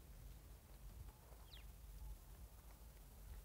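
A single faint, high bird call chirps once against near-silent outdoor stillness in the mountains, with only a soft low rumble of wind.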